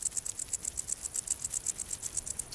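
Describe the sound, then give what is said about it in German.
A wart-biter bush cricket on dry grassland of the Baltic coast stridulates by rubbing its wings together, a steady run of rapid, high-pitched ticking pulses, about eight per second, dry and ratchet-like, with no voices. “Nur an sonnigen Tagen ertönt das Konzert des Warzenbeißers.”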